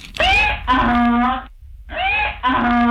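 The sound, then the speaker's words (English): A donkey brays loudly, two hee-haw cycles separated by a short pause, each with a rising wheeze followed by a long, harsh honking note. “Please give Jermell Freeman the biggest hee-haw.”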